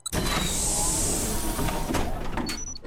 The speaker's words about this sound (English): What was that? The door. I locked it so we won't be disturbed.